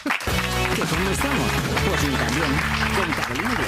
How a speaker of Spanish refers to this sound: Un aplauso a Javier Coronas.